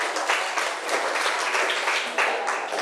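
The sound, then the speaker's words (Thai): Classroom applause for a student who has just answered a question: a steady, dense wash of many hands clapping together for about three seconds, fairly loud and even, with slight swells but no clear individual claps or voices standing out. “ขอบคุณค่ะปรบมือให้เพื่อนหน่อย”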